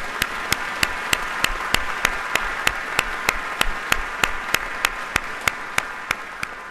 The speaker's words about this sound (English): Can we give them a round of applause for their support?